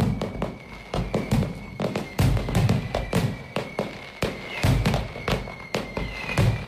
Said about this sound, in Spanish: Así suena, así sonó anoche los fuegos artificiales que pusieron el broche a las fiestas de San Julián 2026.